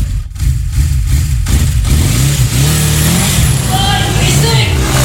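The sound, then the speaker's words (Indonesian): A loud vehicle exhaust revs, the engine's roar climbing and falling in pitch across several throttle bursts before settling into a rough, rumbling drone. “Selain suara yang bikin kuping sakit, polusi akibat knalpot juga bisa berdampak bagi kesehatan kamu.”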